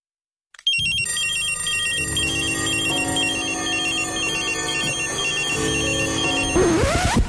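A shrill alarm clock rings continuously for several seconds, a rapid metallic rattling trill that stays loud and steady before cutting off with a brief rising squeal at the end.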